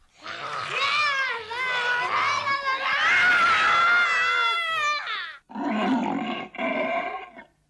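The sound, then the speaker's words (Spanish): A person imitates a tiger's roar with a long, loud, growling vocal burst lasting several seconds, followed by two shorter roaring bursts after a brief pause, forceful. “Vamos a hacer como los tigres.”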